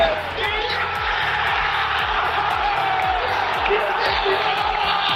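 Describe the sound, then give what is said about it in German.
A Schalke stadium crowd cheers at the final whistle late on a Saturday evening, a dense, loud roar that holds steady for the whole stretch, with a faint rhythmic pulsing underneath the noise. “Komm, noch einmal Gänsehaut, noch einmal der Moment des Abpfiffs am Samstag, spätabends.”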